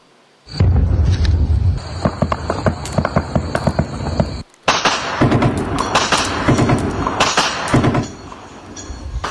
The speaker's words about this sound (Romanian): Atentat cu mașină capcană urmat de un schimb de focuri de armă la un punct de control al poliției din Pakistan